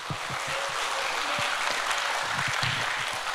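An audience at a pansori performance at a festival breaks into steady applause for the performers, a dense wash of many hands clapping at an even level for the whole stretch, with no voices standing out above it.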